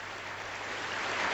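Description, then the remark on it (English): A steady wash of applause from a crowd, dense overlapping claps blending into a hiss-like roar that swells slightly toward the end, with no voices. “Love a bit of applause.”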